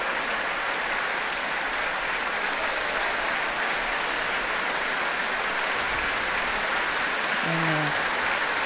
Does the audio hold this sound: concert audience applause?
yes